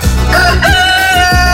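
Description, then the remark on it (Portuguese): A rooster crows loudly, a single drawn-out, strained cock-a-doodle-doo with no one talking over it, played on a morning radio show at 5:49. “5:49, tem o nosso galo velho.”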